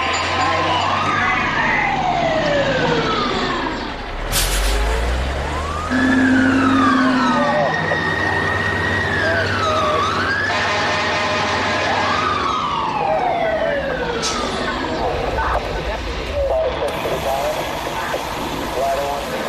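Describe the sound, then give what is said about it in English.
Loud fire sirens wail continuously, several overlapping tones sweeping up and down in pitch over a low rumbling engine, with a brief burst of blaring horn partway through. “When the alarm goes off, they'll come and get you.”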